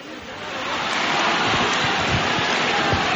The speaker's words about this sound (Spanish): La gente en el interior del santuario no para de aplaudir.